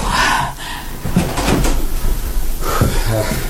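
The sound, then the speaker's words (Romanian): A door creaks and rattles open for a visitor, Jim, with a few short knocks and clicks of the latch and handle, loud over a steady background hiss, with faint voices murmuring at the start and end. “Laura Wingfield, îți poruncesc să te duci, să deschizi ușa.”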